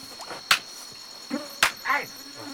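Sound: mosquitoes buzzing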